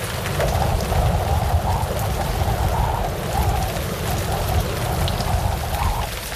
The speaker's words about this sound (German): Mach mal lieber erst deinen Hosenstall zu, sonst läuft dir der Regen weiter bis in die Stiefel rein.